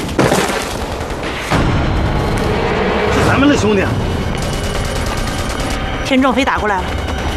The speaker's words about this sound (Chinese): 不像， 不像， 枪声太密集，不像是对的。